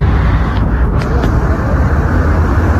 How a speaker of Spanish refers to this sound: Hay mucho movimiento, un tránsito muy difícil. Costó mucho llegar con el móvil hace por lo menos media hora que fue este accidente.